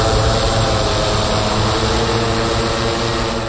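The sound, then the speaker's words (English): A steady, loud whirring drone of spinning propellers from a regional academic medical center's medical delivery drone, used to transport laboratory specimens, holds constant throughout: a dense buzzing engine hum with no pauses or voices. “And that's President Mantosh Dhawan, who says the drone program is still relatively new. And here's what they sound like.”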